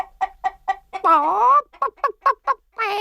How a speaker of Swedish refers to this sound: Nej, kacklade hönan. Nej, det har jag inte.